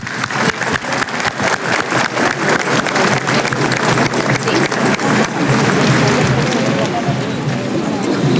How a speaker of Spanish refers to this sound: Aquí lo tiene. Un aplauso para Monseñor.